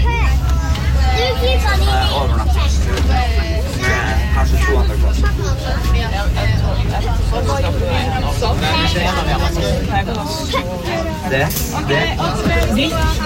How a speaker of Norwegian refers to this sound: Men var åttendeklassingene og barnehagebarna I samme gjeng, eller sammen, eller Nei, var de hver for seg? De var I hver sin gjeng. Ok. Men ja, og den barna, altså det var liv og røre på bussen.